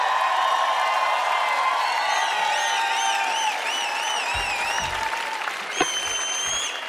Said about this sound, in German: Dann bitte noch einen großen Applaus für die Band!